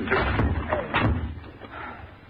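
A door is shoved hard with a shoulder: two heavy thuds about half a second apart, each with a brief wooden rattle, then a softer scraping settle.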